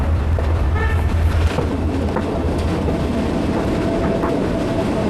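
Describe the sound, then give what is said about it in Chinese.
A tourist train on a century-old railway in southern Yunnan, China, near Xizhuang town, rolls slowly along the tracks with a steady, heavy low rumble and faint metallic clatter, continuous throughout, with a brief squeal of wheels near the middle. “时隔百年，这条曾经贯穿滇南地区交通大动脉的铁路已经成为旅游线路。火车缓缓而行，带给人们浪漫与休闲的体验。”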